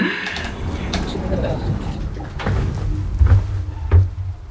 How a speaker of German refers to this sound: Tür schließen.